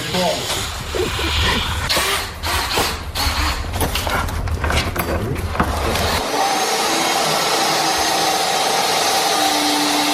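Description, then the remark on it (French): A long wooden planking board for a boat, the first plank of the hull's side planking, is sawn with a loud, continuous rasping roar that pulses rapidly for about six seconds, then cuts off, leaving a steady hiss and a faint high hum. “C'est quoi cette grande planche là, Bertrand, que vous êtes en train de couper, de scier?”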